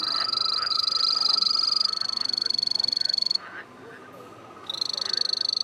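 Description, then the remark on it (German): A three-striped poison dart frog, a small frog from Ecuador, trills in rapid, high-pitched pulses, loud, breaking off briefly partway through before the fast buzzing trill resumes, on the third floor of the Berlin Zoo Aquarium. “Während die Laute verschiedener Kröten und Frösche aus der kleinen Hörstation kommen, beginnt der Drei-Streifen-Baumsteiger zu trillern.”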